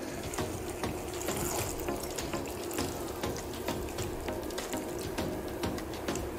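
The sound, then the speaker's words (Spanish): Water runs steadily from a tap, splashing and gurgling into a metal pan for several seconds as a little water is added while cooking, fairly loud, with no voices over it. “Entonces, le echamos un poquito de agua, ¿eh?”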